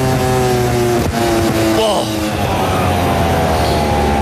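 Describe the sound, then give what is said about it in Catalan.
A loud racing motorcycle engine, Costa's bike on the back straight, whines in a steady high-pitched drone, dipping and dropping in pitch midway as it loses speed just before Àlex Márquez hits it, with a dense background roar throughout. “Escoltem la moto. Ha perdut velocitat.”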